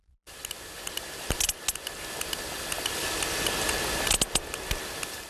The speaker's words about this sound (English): Now, that's the sound of a sperm whale from the eastern Mediterranean, a bit pacier, closer to the other dance mecca of Ayia Napa.